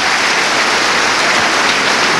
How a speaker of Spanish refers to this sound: Vamos a dar un fuerte aplauso a Jesús.